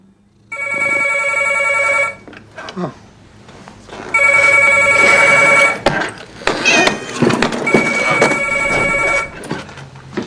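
A home telephone rings with an incoming call three times, each ring a loud, steady burst of bright, buzzy electronic tone lasting about two seconds, with brief pauses and scattered clatter and rustling between the rings.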